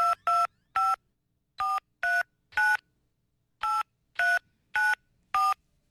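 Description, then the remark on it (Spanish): Touch-tone telephone dialing as a radio host calls a listener in a prize contest: ten crisp keypad beeps in clusters of three, three and four, clear with silence between, no voices. “Timbra el teléfono, atención, llamada ganadora, timbra el teléfono.”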